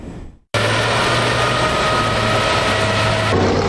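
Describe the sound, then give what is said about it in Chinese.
Heavy armored vehicle engines roar steadily on a track during the armored assault event of the Navy Marine Corps Duoneng Cup amphibious elite competition in southern Fujian, after a brief silence: a loud sustained low rumble with a constant droning hum and high whine layered on top, no voices. “这里是海军陆战队多能杯两栖精英擂台赛的比赛现场，正在进行的是铁甲突击项目，赛道上引擎轰鸣，现场战味十足。”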